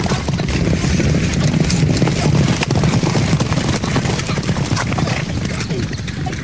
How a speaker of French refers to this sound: Mais les chevaux me sont passés dessus. Je suis resté au milieu du terrain.